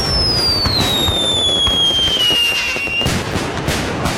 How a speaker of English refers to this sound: And on Sunday, July 5th, movie at the lake, vendors and food trucks, and you guessed it, more fireworks.